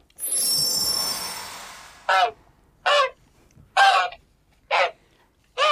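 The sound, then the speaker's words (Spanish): A goose honks five times in a steady, evenly spaced rhythm, each call loud and harsh, following a brief rushing whoosh at the start; no voices are heard. “¿Otra vez en ganso? ¿En serio? ¿No podía transformarme en otro animal la próxima vez?”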